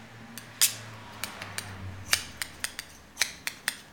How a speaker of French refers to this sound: Le coiffeur prend des ciseaux. Le coiffeur coupe mes cheveux.